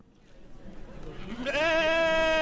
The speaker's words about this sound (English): The Tunbridge Fairgrounds is alive with bleating sheep, vendors selling wool and fiber products, and people wearing sweaters.